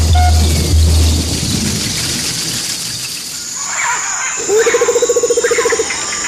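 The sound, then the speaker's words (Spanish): A chihuaco, a small bird with grey feathers and yellow legs, sings short, repeated warbling phrases over a steady high insect buzz, joined briefly by a low, rapid pulsing trill; a low rumble fills the opening seconds. “Ese pajarito de plumas grises y patas amarillas es un anunciador de aguacero.”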